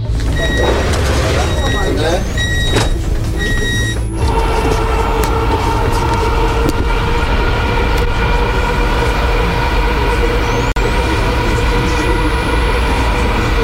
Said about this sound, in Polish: Przed nami pierwszy przejazd, można powiedzieć, z pasażerami. Państwo będą pierwszymi pasażerami, chociaż pociągi testowe jeżdżą już od około 2 tygodni.